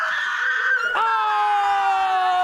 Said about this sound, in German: Jetzt ein Schrei.